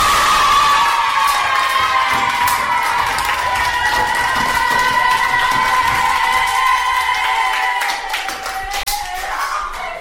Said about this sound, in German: Wo sie mit ihrem Stück fertig war, haben alle Tiere ganz begeistert geklatscht und gejubelt.